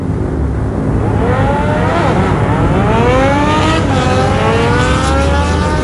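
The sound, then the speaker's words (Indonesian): A motorcycle engine revs hard as the rider pushes it toward 100, its pitch climbing and dipping in rising sweeps as it accelerates, a loud continuous whine with no talking over it. “Tancap lagi sampai 100 coy.”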